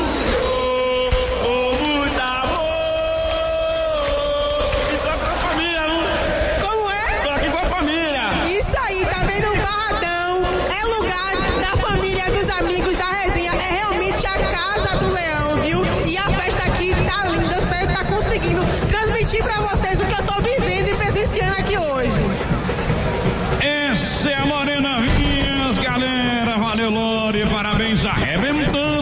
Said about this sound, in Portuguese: Olha, escuta só a torcida do Leão.